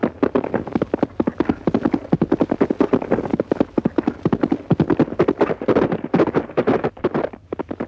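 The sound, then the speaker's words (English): Rapid, rhythmic hoofbeats of the horse Goldie on a trial gallop over a track, loud, pounding steadily for several seconds with a faint whoosh of wind behind them. “That horse is almost human. Knows everything you say, even on a trial gallop.”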